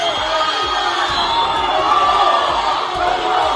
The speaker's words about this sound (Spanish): El ministro del Interior, Fernando Grande Marlaska, volvió ayer lunes a Ceuta y lo hizo entre abucheos de ciudadanos que se manifestaron de forma espontánea a las puertas de la delegación del gobierno.